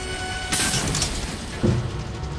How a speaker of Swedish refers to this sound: Ett knak hörs när raketen tar i mark.